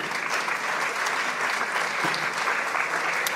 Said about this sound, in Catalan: Un fort aplaudiment per ella, si us plau.